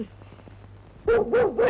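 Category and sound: animal, dog barking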